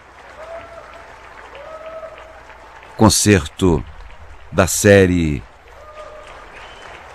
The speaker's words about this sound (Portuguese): A orquestra recebendo os aplausos da plateia na Sala Minas Gerais.